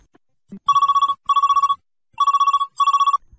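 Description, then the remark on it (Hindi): A telephone rings for the first incoming listener call to the radio programme Sunehre Nagme, with four rapid trilling bursts in two pairs, bright and electronic-sounding, clear with brief silences between them and no talking. “चलिए लेते हैं पहला फोन कॉल, देखते हैं कौन श्रोता बात कर रहे हैं हमसे।”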